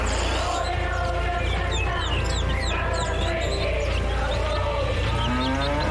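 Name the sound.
cow mooing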